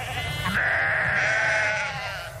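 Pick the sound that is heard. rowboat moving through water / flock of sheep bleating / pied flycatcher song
flock of sheep bleating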